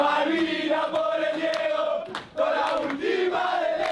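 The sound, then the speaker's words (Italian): A large crowd of football fans in the stands in Miami chants in unison, a loud sustained roar of voices with sung, rhythmic pitch lines that dip briefly midway before swelling back. “Ma già ieri sulle tribune di Miami il clima fra tifosi era questo.”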